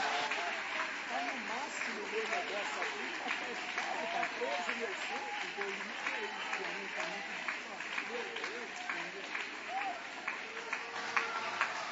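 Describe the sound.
A church audience applauds in praise of God steadily for about twelve seconds, a dense, even wash of clapping with sharper claps popping out, while voices call and cheer underneath throughout.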